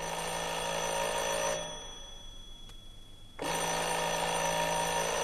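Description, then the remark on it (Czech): A doorbell rings in two long, shrill, buzzing bursts, the first cutting off for a pause of about two seconds before the second starts up just as loud. No one speaks. “Někdo zvoní.”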